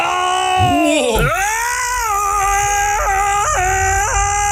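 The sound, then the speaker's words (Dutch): A person imitates a lion's roar, one of several roars sent in: one long, loud, strained vocal cry that swoops up and down in pitch at first, then holds steady with a few quick wavering breaks. “Nou, dit zijn een paar brullen die binnen zijn gekomen.”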